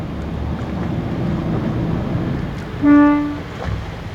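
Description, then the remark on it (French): A single short, loud blast from a dive boat's horn sounds near the end, a signal for the divers to come and hold on to the boat. It is a brief steady tone over a background of low engine rumble, with the engine out of gear and no propeller turning, and wind noise out on the water. “il va mettre un petit coup de klaxon comme ça les plongeurs vont venir s'accrocher”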